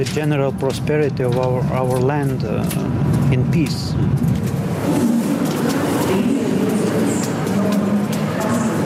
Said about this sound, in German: Nur mit wenigen Minuten Verspätung erreicht der Zug am Vormittag den Hauptbahnhof Riga.